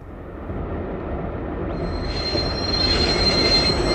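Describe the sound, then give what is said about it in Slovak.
A train rumbles steadily while a high, thin metallic squeal from its wheels rises partway through and grows louder and harsher toward the end, with no voices. “Vlak.”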